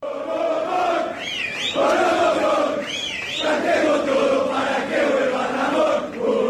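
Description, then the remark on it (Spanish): A crowd of football fans in a club hall shouting and chanting together, calling for a coach, a loud, sustained roar of many voices with rising and falling cries and occasional whistles cutting through. “Sí, se gritó de todo en el hall, pero se pidió por un entrenador.”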